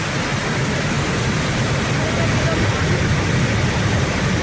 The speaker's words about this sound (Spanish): Estamos escuchando la cascada del molino, ¿o qué?